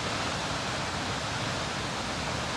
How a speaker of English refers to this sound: Just a gorgeous, gorgeous waterfall.